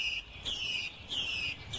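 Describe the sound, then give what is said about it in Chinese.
A captive hwamei thrush in a city sings its courtship song in bright, whistled phrases that rise and repeat several times in quick succession, clear, over a faint low background hum. “采录的画眉鸟的求偶声”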